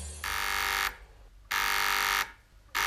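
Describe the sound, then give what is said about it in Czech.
A radio transceiver at the Horská Louka mountain chalet buzzes with an incoming call signal in repeated bursts, each a loud, harsh, steady buzz lasting about a second, separated by short pauses, with no voices. “Václave, vysílačka.”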